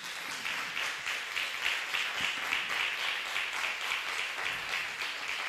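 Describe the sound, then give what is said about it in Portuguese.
Sustained applause from a crowd giving an applause to the Lord, a dense steady patter of many hands clapping at once, continuing evenly without any voices over it. “Vamos dar um aplauso ao Senhor.”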